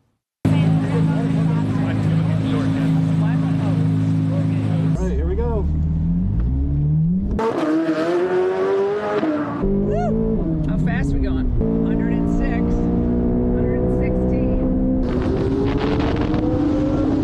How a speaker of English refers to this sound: I want to take a spin around the track myself, first in a Corvette.